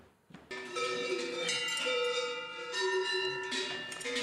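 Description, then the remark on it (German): Several cowbells clang continuously on Vosges cattle during the May drive up to mountain pasture in the Munster valley, High Vosges, France, a dense, overlapping metallic jangle that starts abruptly and stays loud throughout, with no voices. “Dieses Läuten wirkt ein wenig, als sei es aus der Zeit gefallen, gehört aber für die Vogesenrinder von Landwirt Jean-Paul Daybach jedes Jahr im Mai”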